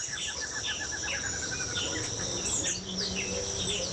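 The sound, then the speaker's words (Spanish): Birds chirp and sing steadily in a dense outdoor chorus in Bijagual, mixed with a constant buzz of insects and a low rumble underneath, with no talking. “Por allá se le escucha un fondo muy bonito. Todos esos pajaritos se escuchan por allá en Bijagual”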